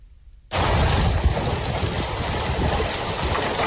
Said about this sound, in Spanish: Ahora mismo se registran intensas granizadas en Castilla-La Mancha, la provincia de Albacete, donde hay aviso naranja. La estampa que se registra en Nerpio parece un paisaje invernal.